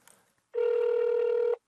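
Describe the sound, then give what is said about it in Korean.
A phone rings with one loud, steady electronic tone lasting about a second, following a brief stretch of quiet, and a second ring begins just as it cuts off. “아유, 친구라고 또 전화 엄청 했을 텐데.”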